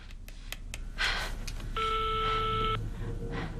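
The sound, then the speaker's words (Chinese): A few quick clicks like phone keys being pressed as someone dials to call their mother, then a steady electronic telephone tone holds for about a second before cutting off, over a low background hum. “不行，我得给我妈打电话，让我妈拦着我吧。”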